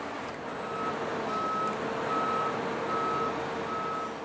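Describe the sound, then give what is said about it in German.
A 60-tonne five-axle truck's reversing alarm sounds five steady, evenly spaced high-pitched beeps over a loud, continuous rumbling engine; the truck is to hoist the aluminium catamaran houseboat Heukenlock into the Diamantgraben. No one speaks. “60 Tonnen wiegt der Fünfachser, der die Heukenlock in den Diamantgraben hieven soll.”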